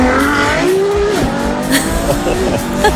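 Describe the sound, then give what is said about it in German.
A neighbour's Ferrari sports car engine roars to life in the morning as he leaves for work and speeds off, its loud, buzzy growl climbing in pitch, dipping briefly at a gear change, then pulling higher again. “und dann, gell, dann startet gleich der Nachbar zur Arbeit.”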